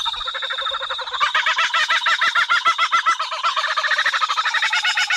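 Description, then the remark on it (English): A kookaburra's raucous laughing call rings out loud, a rapid rhythmic cackle of repeated hoots that builds and keeps going throughout, with no one talking. “There is absolutely no sound on earth like the kookaburra bird.”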